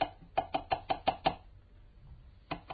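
A quick series of about six sharp knocks on an unlocked door, evenly spaced, followed by a pause and then one more single knock.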